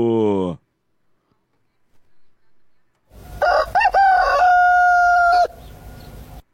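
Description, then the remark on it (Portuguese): A rooster called Galo Chico crows once, loud, a long rising call that holds a strained sustained note before breaking off, following a brief snippet of voice and a short quiet pause. It is used on a morning radio show to announce the time, 6:01 a.m. “Fala para nós aí, Galo Chico, Galo Chico!”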